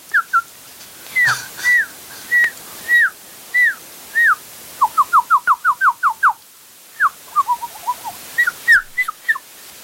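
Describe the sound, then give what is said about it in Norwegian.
A red-breasted bird calls repeatedly with clear, short whistled notes, spaced at first, then a quick run of rapid notes in the middle before slowing again. Distinct, with no talking. “Det var nesten, men det er Raudi. Det er da Raudi i bringa.”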